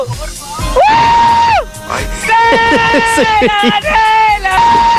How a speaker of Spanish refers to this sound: ¡Ese grito! ¡Pobre el pasajero!